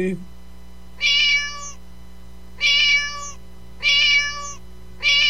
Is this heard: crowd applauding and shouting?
no